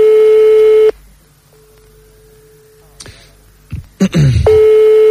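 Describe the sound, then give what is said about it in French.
A telephone line ringing as a call is placed: a steady mid-pitched electronic tone sounds, drops to a faint hum, then comes back after a couple of brief clicks and knocks. “On va tomber sur un répondeur, non?”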